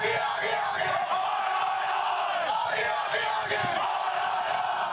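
A large crowd chants and shouts together in call and response, a dense, loud roar of many voices sustained steadily throughout with rising bursts of yelling.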